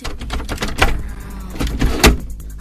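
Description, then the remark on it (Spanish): Several irregular knocks behind a door in a lake house at night, with sharp thuds spread unevenly over a couple of seconds and a low rumble underneath. No voices are heard. “La primera noche escuché golpes detrás de la puerta.”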